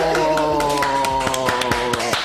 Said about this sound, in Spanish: ¡Fuerte el aplauso!